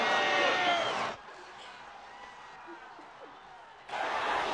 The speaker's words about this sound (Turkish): Tüm dünyanın yakından tanıdığı 92 kilo ağırlığında İtalyan aygırı, Philadelphia'nın gururu şu dakika itibarıyla Dünya Ağır Siklet Boks Şampiyonu ve Altın Kemer'in sahibi Rocky Balboa. Seyirciler salonu inletiyor.